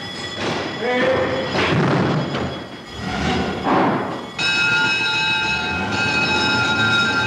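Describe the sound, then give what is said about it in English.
Fire engine horns and bells clamour over a loud, rumbling engine roar as fire appliances set off to fight a fire; partway through, a sustained multi-toned horn blares steadily to the end. “And away they go, horns and bells a-clamour, to fight man's oldest enemy, fire.”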